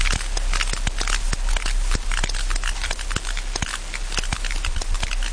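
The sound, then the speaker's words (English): Rapid trains of sharp sperm whale clicks in the ocean overlap in irregular bursts, about 15 members of the same pod clicking at once over a steady hiss of background noise. “So these clicks, these sounds, is really the history of these most ancient whales on Earth.”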